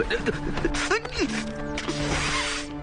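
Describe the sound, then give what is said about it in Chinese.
Crisp snipping of scissors, several quick mechanical cuts in an uneven rhythm, with voices talking over the sound; the scissors are used to tend a sore rubbed while mountain climbing the day before. “哎，就用这个， 剪刀。”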